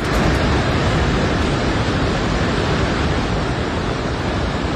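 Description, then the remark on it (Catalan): Rushing floodwater from a river that overflowed in central Nepal roars in a steady, dense wash of noise, loud, with no breaks or voices for the whole stretch. “I atenció, una nova riuada ha arrasat al Nepal per segona vegada.”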